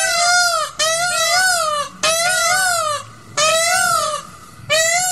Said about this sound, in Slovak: A keď už sme pri tých krásnych veciach, tak aj pávy sú nádherné zvieratá, prekrásne vtáky, ale chceli by ste toto počúvať od rána do večera?